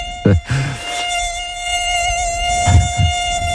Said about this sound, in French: Oh là là, secours, un moustique?